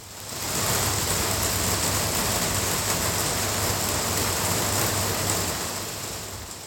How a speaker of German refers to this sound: In Irland haben wir entdeckt, dass jeder Ort seinen eigenen Regen mit einem eigenen Klang hat. Den Anfang macht Regen, der in den Innenhof eines Reihenhauses im Norden von Belfast fällt.